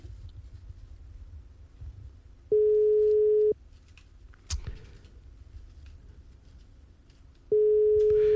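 A telephone ringback tone from an outgoing call placed to a radio listener sounds as a steady, fairly loud one-second beep, then a long gap before the second ring begins, with faint low rumble underneath and no one picking up.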